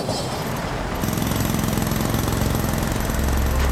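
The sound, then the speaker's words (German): A construction-site jackhammer pounds away in rapid, continuous bursts, loud, with a motor droning underneath, starting a little quieter and then hammering steadily at full force. “Sommerzeit ist natürlich immer auch Baustellenzeit.”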